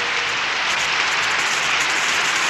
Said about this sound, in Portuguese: Mais palmas, oi, oi, oi, oi.